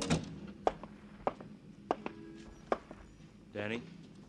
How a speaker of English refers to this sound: Then back to your office and close the door on it. Stand at the window, watching the squalls of the nighttime wash against it, beat against it, and then stare at the walls, then hear the door open for it, to let it all in again.